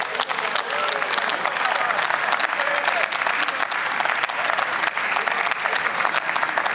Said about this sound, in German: Der Applaus gibt ihm recht.